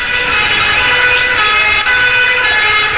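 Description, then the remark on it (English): Loud, continuous sirens of ambulances and police cars converging on Whitehall blare steadily with sustained high-pitched tones, layered over a dense rumble of road traffic and engines, with no voices. “Within minutes, ambulances and police cars converged on Whitehall.”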